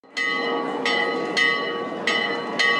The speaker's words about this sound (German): Gegen 18 Uhr läutete Christian Brettschneider die Turmglocke des Schlosses.